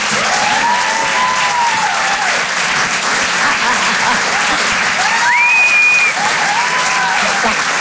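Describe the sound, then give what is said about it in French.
Loud, sustained applause from a large comedy club audience encouraging comedian Karine Dubernet, a dense steady wash of clapping with a few whoops and cheers rising above it, continuing without a break. “Faites du bruit s'il vous plaît, merci d'encourager Karine Dubernet.”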